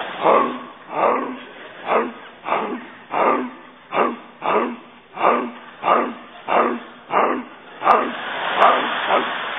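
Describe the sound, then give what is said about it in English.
A dog barks steadily over and over at 3 o'clock in the morning, about a dozen evenly spaced woofs with short gaps between them, fairly loud, with a muffled, narrow-band quality. “I had a dog wake me up last night barking 3 o'clock in the morning.”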